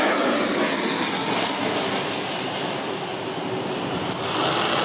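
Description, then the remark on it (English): A loud, steady jet engine roar from an airshow plane fills the air, broad and rushing with a slight shift in tone as it passes overhead, banking hard to the left across Mindil Beach at sunset into the haze. No one speaks. “Plane now banking quite hard to the left and going across the beautiful Mindle Beach sunset as it's setting down into the haze and that classic orange which usually brings such loud applause.”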